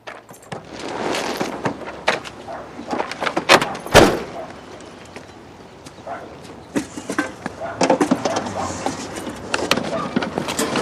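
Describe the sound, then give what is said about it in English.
Irregular crunching and clattering as a car rolls up and reverses slowly into a driveway over the remains of a fallen picket fence, with one loud car door thud near the middle, then more scattered crunches and knocks. “Vincent's car rolls up and reverses back into the driveway, crunching over the remains of the fallen picket fence”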